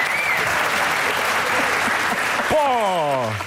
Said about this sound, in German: vielen Dank, das ist ein Applaus.